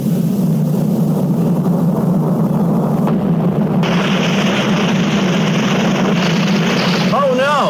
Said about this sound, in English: That water pipe burst. Water is pouring out all over the place.